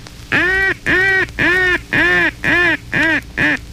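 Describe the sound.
A duck call blown as a timber call, the call used in wooded areas, inland lakes and on marshes: a steady series of about seven loud, nasal quacks, each drawn out and evenly spaced, clear with no voices.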